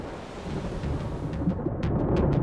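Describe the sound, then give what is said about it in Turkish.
A roaring storm over Snake Island with wind gusting at 100 kilometres per hour, heavy rumbling low-end noise, punctuated by several sharp bursts near the end, loud with no voices. “100 kilometre hızla esen rüzgar tepelerine çöktüğünde Kaptan Kit tekneyi buluşma noktasından adanın güvenli tarafına götürmek zorunda kalacak ve ekip arkadaşlarını fırtına süresince Yılan Adası'nda mahsur bırakacak.”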